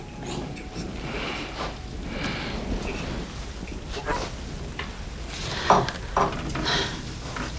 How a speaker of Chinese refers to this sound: 哎呦，这么大的雨，他们还出去？